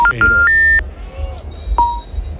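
A quick run of steady electronic phone tones stepping up in pitch as a phone call is placed, then a short gap and one more tone, playing clearly over a low rumbling background.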